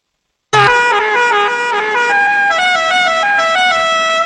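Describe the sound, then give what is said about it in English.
A loud novelty car horn blares right after a moment of silence, playing a rapid, tuneful sequence of bright honking notes that shift pitch in steps, unbroken by any talk. “Rodney Dangerfield pulling up to the country club with that horn in Caddyshack”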